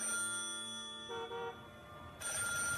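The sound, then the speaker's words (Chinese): A telephone in a basement rings suddenly and loudly, a steady electronic trill that shifts in tone partway through, with no voices present. “地下室里电话骤然响了起来，正在监听的老虎被吓得哆嗦一下”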